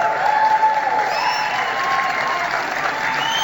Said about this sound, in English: And a few people, a few chuckleheads there in the crowd, it looks like a bunch of cops, were clapping for him.